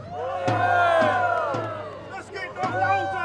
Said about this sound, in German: Ganz vorn gibt die Stadtwache den Ton an wie früher. Das Volk jubelt!